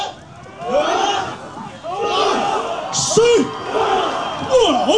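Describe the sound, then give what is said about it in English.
A crowd of many voices shouts and calls out together in overlapping bursts, loud, as villagers all at once strain to lift a boat and carry it to the water in a ceremony preparing them to row over 100 miles to the Batanes Islands of the northern Philippines, with rising cries and a few higher yells. “And with that noise, they're trying to pick up the boat and take it over to the water, all of them together at once.”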